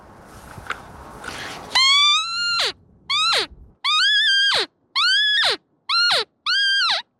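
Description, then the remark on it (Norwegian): After a little rustling, six loud, high-pitched, nasal bleats ring out in a halting series, each ending in a sharp downward drop. It is an imitation of a roe deer doe's distress call, made out in the woods in Bamble during a deer hunt. “Det her kvinne I nød på rådyrspråk.”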